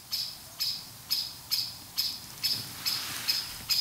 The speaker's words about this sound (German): Was ist das für einer? Das hört sich an wie eine Amsel. Wenn die schimpft, dann kommen sie. Oder die meinen uns.